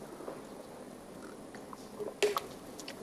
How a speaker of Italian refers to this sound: Sì, mi prendo un po' d'acqua, grazie.